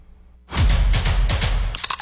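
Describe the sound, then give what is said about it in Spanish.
A loud crunch of a crisp Crunch brand tortilla chip being bitten, a dense crackling burst lasting about a second, followed by a few sharper crackles as chewing continues. No voices. “Así suena Crunch.”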